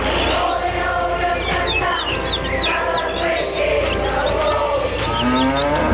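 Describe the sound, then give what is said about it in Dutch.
A cow lows near the end, a drawn-out moo rising over a busy chorus of chirping birds and a steady, full background of sound. “Mooi ook, die koe erachteraan.”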